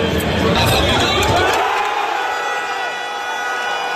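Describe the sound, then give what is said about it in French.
A large crowd of football supporters at giant screens in Ciney cheers and shouts together after a 5-1 victory over New Zealand, a loud, dense roar of many voices that stays strong and steady throughout, with a few whoops rising above the din. “À Ciney, des écrans géants étaient installés et les supporters étaient nombreux.”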